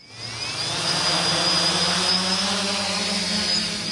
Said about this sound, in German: Zwei Drohnen starten in einem riesigen Käfig, 15 Meter hoch, erinnert an eine Vogelvoliere.